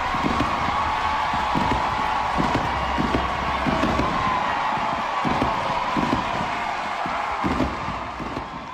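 A large stadium crowd roars and cheers wildly in a steady, loud wash of noise as fireworks go off, with deep booming thuds breaking through every second or so, after Arkansas wins a softball super regional to reach the Women's College World Series.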